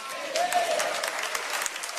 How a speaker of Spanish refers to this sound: Denle un aplauso fuerte. Ahora sí, aplauda.